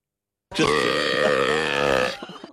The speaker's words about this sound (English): It is the world's loudest burp at 112.18 decibels. It's louder than you could play drums with. Oh, that is the world's that is the world's loudest burp that a human has ever recorded, done right here in the ABC Darwin Studios.